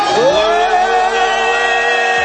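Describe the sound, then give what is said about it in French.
A loud, sustained roar of audience cheering for a rapper, with a rising whoop at the start, holding steady for a couple of seconds with no talking. “Je veux un maximum de bruit pour mon gars ….”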